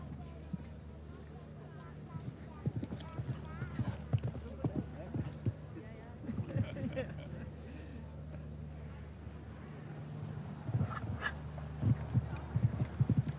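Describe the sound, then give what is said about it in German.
A show jumping horse's hooves pound at a gallop on the course, a string of quick irregular thuds over a steady low hum, with a commentator talking over them and the hoofbeats growing louder toward the end. “Und ansonsten heißt es Halleluja galoppieren. Und das macht er.”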